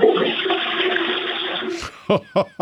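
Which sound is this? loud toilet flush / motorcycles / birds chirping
loud toilet flush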